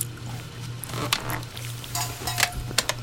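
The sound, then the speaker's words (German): Someone in a kitchen slurps leftover chicken broth from a spoon: a few short, wet, hissing sucks and light scrapes come in irregular bursts over a steady low hum, with no voices. “…, hör auf zu schlürfen.”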